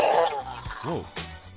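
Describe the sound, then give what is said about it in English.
A caller imitates a lion's roar with a raspy, rumbling growl that breaks into a short rising-and-falling vocal bellow, followed by a brief rough burst. “The roars are flooding through.”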